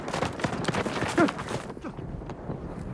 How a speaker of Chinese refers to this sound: 独立团指挥部简陋的院子里，一身笔挺天蓝色军装的楚云飞听到了院子外传来渐渐接近的脚步声